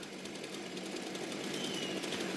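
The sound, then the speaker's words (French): Two stock chainsaws, just started for the stock saw event of a wood-cutting competition, run together, a dense, steady buzzing engine drone with a rough high whine that holds at a constant, fairly loud level throughout, with no voices. “Allez, les deux tronçonneuses sont démarrées.”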